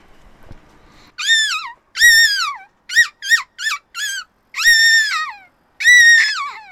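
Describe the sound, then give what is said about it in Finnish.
A person imitates a seagull, letting out a series of loud, high, wavering cries: two long calls, a quick burst of four short yelps, then two more long cries. “haluaisitko sä esittää meille sun lokkiäänen nyt tähän lopuksi vielä?”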